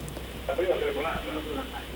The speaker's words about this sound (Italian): Sì, sentiamo perché il televisore è acceso, sentite? Quindi si sente, adesso corri al telefono.